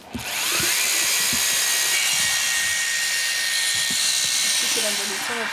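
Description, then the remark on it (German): A round rotating dental disc grinds a sleeping horse's molars to even out height differences between the molars, with a steady, loud, high-pitched whir that runs without a break, with a few soft low knocks underneath. “Zunächst habe ich mit einer runden Zahnscheibe gearbeitet.”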